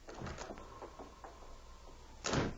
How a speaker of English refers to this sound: As the door slammed behind the two crooks, Lola and Jerry looked at each other with undisguised alarm.